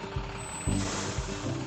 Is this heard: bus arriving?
yes